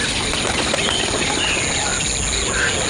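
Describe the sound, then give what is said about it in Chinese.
A dense, steady din of many herons and egrets calling at once from a nesting colony in tall trees by the water in a wetland, where they build nests and raise chicks; harsh overlapping squawks and chatter with occasional wing flaps, loud and continuous throughout. “有湿地的地方必然会有鹭鸟，这些涉禽喜欢在水边高大的乔木上筑巢育雏。”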